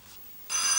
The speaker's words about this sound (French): Pardon, le téléphone.